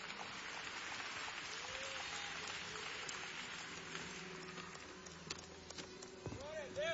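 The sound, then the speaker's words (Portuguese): An audience at a special family church service applauds in honor of Jesus, in a dense, steady wash of clapping lasting several seconds, with scattered voices calling out over it toward the end. “Toda honra e todo aplauso ao nosso Senhor Jesus.”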